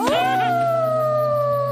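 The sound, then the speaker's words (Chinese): A young wolf pup in the Paw Patrol cartoon howls once, loud, its voice sliding upward and then holding a long, steady wavering note, with a low hum underneath and no talking. “狼狗狗。”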